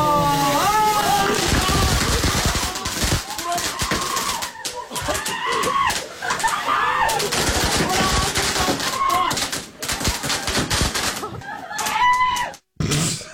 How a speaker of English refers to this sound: But I also didn't think that there would actually be fireworks on the birthday cake. But apparently someone made a huge mistake.